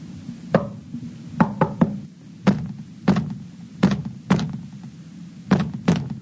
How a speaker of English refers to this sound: It sounded like the wall knocked back at me. Come on, Angela. Be brave and knock over there.